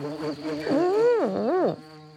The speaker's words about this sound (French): Oh, une mouche. La mouche tourne autour de la tartine de pain. Peut-être qu'elle a faim.